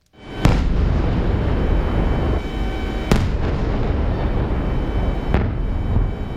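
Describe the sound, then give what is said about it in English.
Three sharp, loud explosions crack out a few seconds apart over a constant low, roaring rumble during an overnight drone and missile attack in Ukraine, with a fainter blast near the end and no voices. “Sounds from overnight in the country there.”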